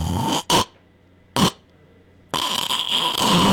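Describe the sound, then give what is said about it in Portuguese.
A voice imitates choked snoring: two short, harsh snorting gasps separated by pauses of silence, followed by a longer, loud, rasping breath that continues to the end. “Tenho certeza que você aí vai se identificar, que é aquele ronco que falta ar, sabe? É aquele assim, ó.”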